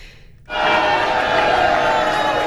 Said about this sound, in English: Those are the sounds of people cheering for Mexico's win over South Africa yesterday. Close to 200 people gathered at the University of Utah to watch the opening game of the FIFA World Cup Series.